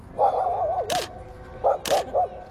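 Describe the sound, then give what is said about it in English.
Dogs whine and whimper in high, wavering tones, broken by two sharp, loud barks about a second apart, followed by a few short yelping whimpers, as they have their portraits taken by school students at the grand opening of a new dog park. “These dogs are having their portraits taken by school students for the grand opening of their brand new dog park.”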